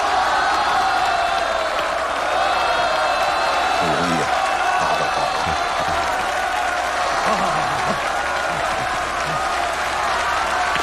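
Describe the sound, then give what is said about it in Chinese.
The whole crowd of spectators at a match stands up and applauds and cheers Liu Chunguang after he wins the second game: a dense wash of clapping with shouts and whoops rising through it, loud and sustained for the whole stretch with no pause. “这时候全场观众全都兴奋地站立起来，为刘春光鼓掌欢呼。”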